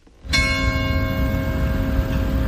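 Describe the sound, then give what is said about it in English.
A church bell in the village of Saint-Jean-d'Illac, near Bordeaux in southwest France, strikes once, loud, its bright, layered tone ringing on and slowly fading over a low, steady outdoor rumble. “Church bells ring in Saint-Jean-d'Illac as the village comes to life again.”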